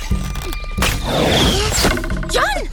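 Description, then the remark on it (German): A sharp thwack of an arrow striking a target, shot by Lilly, an Indian girl practising archery, followed by a second hit in a busy, dense mix of effects, with a short vocal exclamation near the end. “Fast hätte Lillys Pfeil ihn getroffen, denn das Indianermädchen trainierte gerade das Bogenschießen.”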